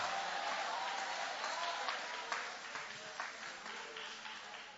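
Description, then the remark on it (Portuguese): A crowd applauds steadily, joyfully clapping for the name of Jesus during a sermon, a dense wash of many hands clapping at once with faint voices mixed in, sustained and fairly even throughout. “Levanta a mão e vai aplaudindo o nome dele com alegria.”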